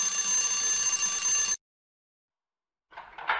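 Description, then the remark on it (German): A hotel doorbell rings with a loud, steady electric jangle for about a second and a half, falls silent, then starts a second short burst of ringing. “Dort sollten wir klingeln.”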